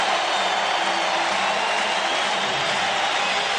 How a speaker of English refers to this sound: The crowd just loves it at San Jose Arena as the score at the end of 2. The Sharks 4, the Leafs 2.